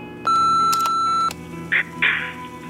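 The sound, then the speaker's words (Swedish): The answering machine of Amorosa pizzeria gives a single long, steady electronic beep, loud, holding for about a second before cutting off, followed by a couple of brief muffled bursts of handling noise. “Vi kan inte ta telefonen just nu, men lämna ett meddelande eller beställ din pizza efter pipet.”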